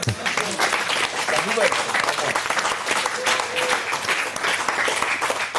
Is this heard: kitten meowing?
no